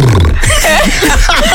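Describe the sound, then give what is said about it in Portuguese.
A voice makes a loud, deep, gravelly rumble imitating booming loudspeaker bass being tested with music, in one sustained burp-like growl with wobbling pitch. “E com uma música, testou o grave dos altos falantes. Olha, rapaz, isso é um grave ou é um cavalo?”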